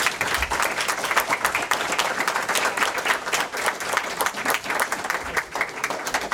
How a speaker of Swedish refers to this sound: Ja, en stor applåd!